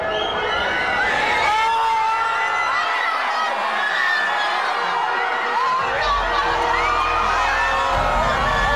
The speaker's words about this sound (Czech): Když přišel první a jediný gól a pak konec zápasu, propukly davy v madridských ulicích v totální euforii.